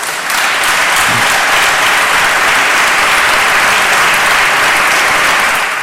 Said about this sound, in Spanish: Bueno, pues unos aplausos, como decimos, en el Parlamento de La Rioja, si era como comenzaba este discurso del presidente en esta primera sesión,